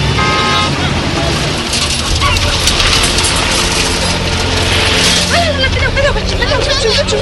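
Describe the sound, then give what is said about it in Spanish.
A convoy of several cars leaves the road, rolls into a village and parks, engines rumbling steadily with a brief horn toot, while children playing in the village chatter and call out in the background. “La caravana llega al pueblo donde están los niños jugando.”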